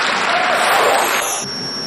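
An audience applauds in a steady, moderate patter of clapping that holds for a moment, then thins out and fades toward the end, with no voices.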